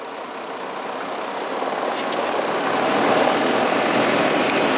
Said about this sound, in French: Non, mais si ça se pose comme ça, voilà la voiture qui vient pour une X.